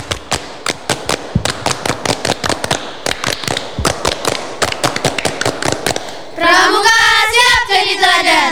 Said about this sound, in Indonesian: Iya, dua kali tepuk pramuka.